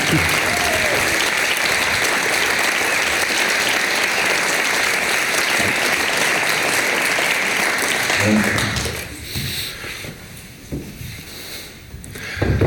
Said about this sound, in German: mit einem antiautoritären Jubel hier willkommen zu heißen.